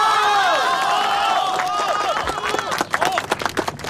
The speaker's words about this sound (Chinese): 乡亲们，下面让我们用最最热烈的掌声欢迎